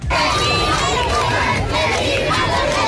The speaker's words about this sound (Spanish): Momento, gritos de alegría, aplausos, vítores a León XIV que ha recorrido todo el frontal de la fachada principal de este Palacio Real en el Papamóvil de pie, saludando a todo el público.